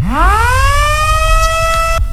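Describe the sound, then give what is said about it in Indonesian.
A loud siren winds up from low to a steady high wail, its harmonics rising and holding, over a rumbling low background, with no talking, sounding after President Prabowo Subianto presses the button inaugurating five dams across Indonesia, at a ceremony in Lombok, West Nusa Tenggara. “Suara sirene meraung-raung setelah Presiden Prabowo Subianto menekan tombol peresmian 5 bendungan di berbagai daerah di Indonesia.”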